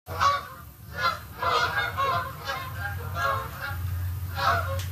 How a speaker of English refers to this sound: That is a familiar sound this time of year, Canada geese making their way south for the winter. Between mid-August and November, millions of birds migrate through southwestern Ontario.